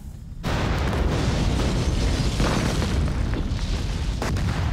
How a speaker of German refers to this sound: Ich wollte einmal Bescheid geben, dass wir eine Explosion haben.